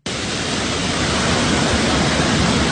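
A dense, steady roar of storm wind mixed with pouring, rushing floodwater during a flash flood in Japan, with a tree being battered, loud and unbroken for the whole stretch, with no voices.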